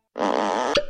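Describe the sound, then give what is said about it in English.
A single drawn-out fart, buzzy and tonal, holding steady for about half a second before ending in a sharp little pop. No voices accompany it. “That is the sound of a butt being worked clean off.”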